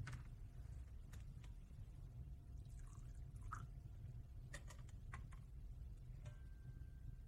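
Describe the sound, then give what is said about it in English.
A small amount of water is poured into wine in a chalice, heard as a faint trickle with a few soft clinks and drips over a steady low room hum. No one speaks. “By the mystery of this water and this wine, may we come to share in the divinity of Christ, who humbled himself to share in our humanity.”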